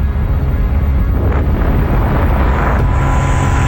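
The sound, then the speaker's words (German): A loud, continuous engine roar from an airplane passing close by a paraglider flying over the Alps in Austria, recorded on her camera, tangled with heavy wind buffeting on the microphone, steady throughout with no voices. “Flugzeug. Tatsächlich, ja.”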